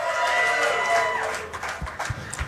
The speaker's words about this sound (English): Round of applause.